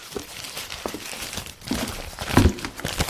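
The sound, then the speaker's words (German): Crisp paper crinkling as a crumpled paper note is pulled open and unfolded, with irregular rustles building to a sharper crackle near the end. No voices. “Hier, ich habe im Abfall einmal einen zerknüllten Zettel gefunden.”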